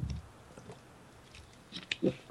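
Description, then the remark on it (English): A quiet slurp from a drink, with soft wet mouth sounds and a brief gulp near the end. No one speaks. “Let me get a slurp here.”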